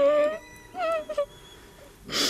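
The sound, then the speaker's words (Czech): Wind whistles and moans in chimneys in autumn, in a few rising and falling tonal gusts, each lasting about half a second, ending in a brief breathy rush of air. “Hvízdavě zpívá meluzína v komínech.”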